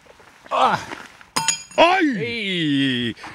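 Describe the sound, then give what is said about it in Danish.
A horseshoe, thrown right-handed at Korspladsen, lands with a single sharp metallic clink, ringing briefly. A short voiced sound comes before it, and a long drawn-out vocal exclamation follows right after. “Altså, jeg har en hestesko i min højre hånd”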